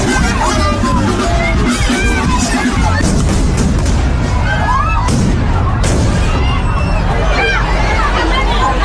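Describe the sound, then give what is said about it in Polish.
Fireworks fired from the town hall balcony at a local festival in Noain, northern Spain, pop and bang amid a loud, dense crowd in the square. Sparks set off other fireworks that fell onto the crowd and exploded. Several sharp bursts ring out over constant shouting and chatter, with the clearest blasts in quick succession near the middle. “Iskry zapaliły ląty innych fajerwerków, które spadły na zgromadzony na placu tłum i tam eksplodowały.”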